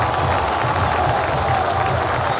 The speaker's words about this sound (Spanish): Aplausos al campeón del fútbol argentino porque el árbitro Zunino marca el final de este primer tiempo.